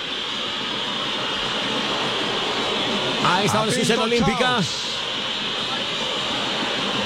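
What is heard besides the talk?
stadium crowd whistling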